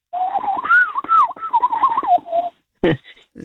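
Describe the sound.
A person's voice imitates a bird call, a warbling, wavering tone rising and falling for about two seconds, then a brief sharp burst after a short pause, fairly loud.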